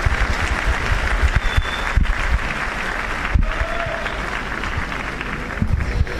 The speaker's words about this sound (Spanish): El aplauso fuerte para él.